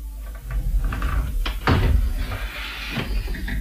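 A painted door of a little house with a golden roof opens with a few wooden clunks and rattles over a low rumbling background, followed by a scrape near the end.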